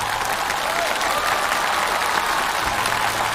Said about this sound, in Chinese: 在了舞台上这种精彩的呈现，我就再次把掌声送给他们，好不好？